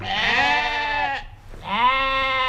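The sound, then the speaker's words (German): Two long, wavering sheep bleats, loud, separated by a brief pause, from sheep grazing for nature conservation on the juniper heath near Berkertal-Frankershausen around the Hoher Meißner in Hesse, Germany. No one speaks. “Schafe schaffen Landschaft.”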